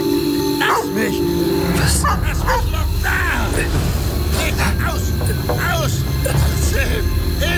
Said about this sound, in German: Das Schreien und Bellen kam von dem unbebauten großen Grundstück, welches zwischen meinem Haus und dem weiträumigen Grundstück